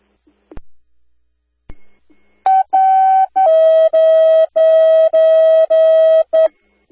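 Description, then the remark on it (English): Two sharp clicks, then loud, steady electronic radio dispatch alert tones calling for 1 member needed for ambulance coverage: a couple of short tones followed by a long, buzzy tone broken into even pulses, with no talking. “Stand by for the tone.”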